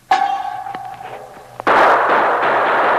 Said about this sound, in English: Three guns fired at the sound, and the sergeant fired at the gun flash.